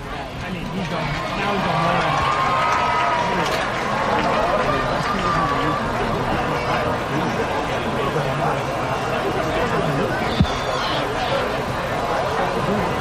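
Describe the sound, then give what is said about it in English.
A sold-out baseball crowd at Delta Dental Park at Hadlock Field murmurs and chatters during a game in a steady, dense hubbub that holds at an even level throughout, with overlapping voices blending into a continuous wash of noise. “Castillo pops it out of play behind home plate into a, looks like a sold out crowd here at Delta Dental Park at Hadlock Field.”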